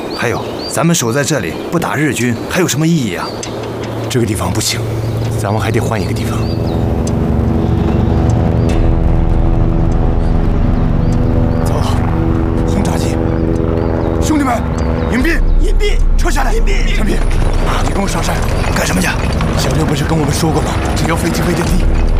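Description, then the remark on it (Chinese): A deep, steady engine drone of Japanese bomber aircraft builds and holds loud, like heavy propeller aircraft passing low overhead, with excited voices and scattered bangs mixed in at the start. “走，轰炸机，兄弟们，隐蔽， 隐蔽， 撤下来， 隐蔽，”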